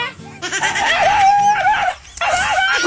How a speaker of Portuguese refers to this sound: Ah, galinha desgramada.